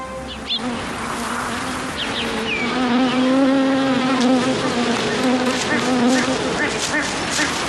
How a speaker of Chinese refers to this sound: 中华蜜蜂看似不起眼的外表下承载着重要的使命。中国约1/3的本土开花植物都依靠它传授花粉。